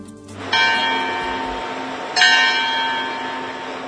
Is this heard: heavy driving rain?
no